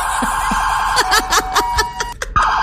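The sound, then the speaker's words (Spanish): A steady, high electronic alarm tone drones continuously throughout, with short bursts of snickering laughter and a few voice sounds breaking over it near the middle. “Ya ese suenan no, las alarmas.”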